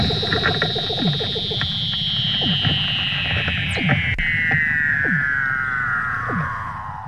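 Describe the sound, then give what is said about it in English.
A Weddell seal mother and pup call to each other in Antarctica while she teaches the pup to swim: a long, eerie electronic-sounding whistle glides steadily downward in pitch while short swooping chirps and rapid pulses repeat beneath it, with no talking. “And you can hear the mother and her pup calling to each other.”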